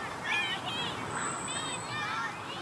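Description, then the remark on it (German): Children squealing and shrieking with joy in a park in Hamburg in summer, high wavering cries rising and falling over a steady wash of outdoor background noise, several voices overlapping in a lively, playful burst. “Juchzende Kinder.”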